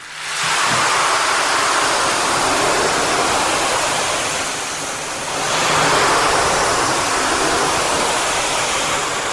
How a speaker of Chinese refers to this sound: 黄豆、绿豆啊什么的啊，我给它来个雨声。